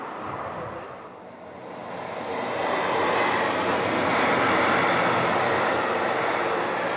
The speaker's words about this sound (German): Heute hat er sich arrangiert. Genauso haben wir das gelöst mit den lauten Güterzügen.